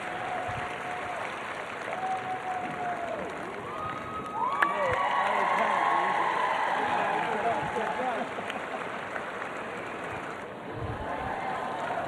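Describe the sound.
A large crowd claps and cheers steadily, a dense, loud wash of applause and shouting voices that swells slightly in the middle and carries on for the whole stretch.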